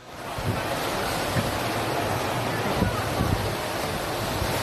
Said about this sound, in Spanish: El que se suspendió por las fortísimas lluvias fue el Levante Athletic Club de Bilbao. Así sonaba en el estadio.